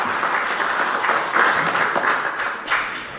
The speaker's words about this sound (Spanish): Fuerte los aplausos, por favor.